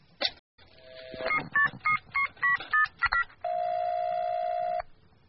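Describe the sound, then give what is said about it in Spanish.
A rapid sequence of about eight short touch-tone beeps dialing a phone number, followed by a steady ringback tone on the line, clear with no voices. “Nos costó bastante encontrar el teléfono de Moctezuma en la Wikipedia, pero ya lo logramos, comunicarnos con el más allá”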